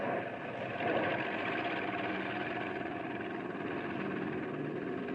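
A steady airplane engine drones continuously, a low rumbling hum holding at an even, moderate level throughout with no voices.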